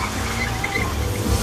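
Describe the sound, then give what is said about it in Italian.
A car engine rumbles as the car is driven erratically for a brief, continuous stretch, with faint high-pitched squeals riding above the steady low roar, like tires or brakes under strain. “No, la macchina, no!”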